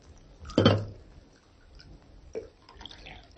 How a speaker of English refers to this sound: Alpha poured coffee.